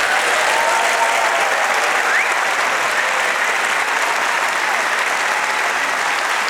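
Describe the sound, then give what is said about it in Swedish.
An audience on the main stage of Stadsteatern claps steadily throughout for Sveriges Radio's Middle East correspondents, a dense, loud wash of applause with no pauses and no voices standing out. “Stor applåd för radiokorrespondenterna Mellanöstern.”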